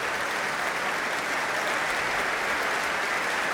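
Sustained audience applause at an orchestral concert for the musicians, here the cello soloist: a dense, steady wash of many hands clapping at an even loudness for several seconds with no voices over it.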